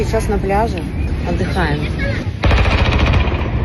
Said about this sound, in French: Nous nous reposons, dit-elle, avant d'entendre le son des armes lourdes visant des drones et de se demander où sont ses enfants.